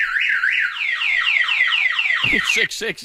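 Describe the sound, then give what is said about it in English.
A loud Viper car alarm cycles through repeated rising-and-falling electronic siren sweeps, then shifts into a faster, choppier warbling pattern near the end, sounding continuous. “There's the Viper alarm.”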